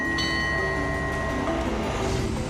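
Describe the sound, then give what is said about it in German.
A train on what remains of the Thailand-Burma Railway, a line ending at Nam Dok, winds along a small quay, rumbling steadily, a dense low mechanical roar with faint tonal squeals and hums layered over it, constant in loudness with no voices. “Unser Zug schlängelt sich noch ein wenig weiter entlang des kleinen Quais.”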